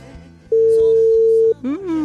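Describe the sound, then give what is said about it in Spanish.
A phone ringing tone sounds once as a loud, steady beep lasting about a second as a call is placed to a prize winner, with faint background talk beneath it and a voice starting right after. “Así que atentos al teléfono.”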